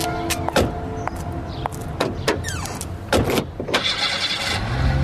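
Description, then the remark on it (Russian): Several solid thumps of car doors closing as people get into a car, a brief whirring motor, then an engine starts and settles into a steady running rumble as the car begins to move. “Залезай в машину, поехали.”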